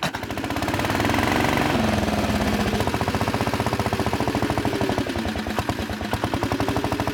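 The BSA engine of an unusual vehicle with a tipper and a roller catches and runs after a second starting attempt, its loud, rapid, rhythmic pulsing and clatter settling into a steady idle, with no voices over it.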